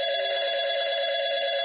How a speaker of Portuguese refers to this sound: Quando o telefone tocava,